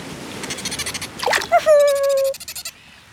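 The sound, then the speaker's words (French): Dolphins swimming after a boat at sea chatter in a quick series of buzzing pulses, then let out a long, clear whistle that slides slightly downward, followed by a few more short squeaky calls. No talking. “Les dauphins suivent le bateau en nageant.”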